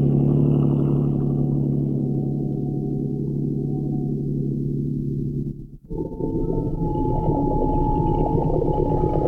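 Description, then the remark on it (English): A motorboat engine idles on a river, headed upstream on just enough throttle to hold against the tide, with a low, steady droning hum, continuous, then briefly dips and returns with a rougher, busier throb for the last few seconds. “Keep her headed upstream. Just enough throttle to hold against the tide.”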